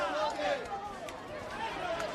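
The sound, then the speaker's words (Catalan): Radical groups carrying Spanish and Falange flags surround people camped out for housing, shouting 'Ceuta no es ven' and singing Cara al Sol with fascist salutes: many raised voices overlapping in a continuous, dense roar that holds a steady loudness throughout the short stretch. “Aquest que sentiu era el moment en què van envoltar els acampats amb crits de Ceuta no es ven i cantant el cara al sol amb salutacions feixistes.”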